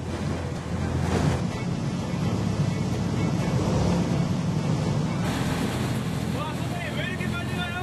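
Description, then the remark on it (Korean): Rough waves crash and rush around an octopus-fishing boat that sped up sharply right after departure and kept its speed on a day of high waves, a loud continuous wash of water with roaring engine and wind buffeting the microphone, and no one speaking. “파도가 거센 날이었는데도 선장님은 속도를 줄이지 않았습니다.”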